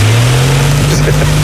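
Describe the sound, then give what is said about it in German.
An electric fan starts up on a hot day of 30 to 37 degrees, a steady motor hum with a low droning tone that rises slightly in pitch as it spins up, loud and continuous with a faint airy whoosh above it. “Na, läuft der Ventilator?”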